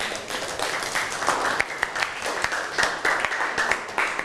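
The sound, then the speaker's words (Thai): Students applaud a classmate who answered the teacher's question, clapping steadily for about four seconds, a dense wash of many hands clapping at once with a few sharper individual claps standing out, fairly loud and even throughout. “เอาปรบมือให้เพื่อนหน่อย”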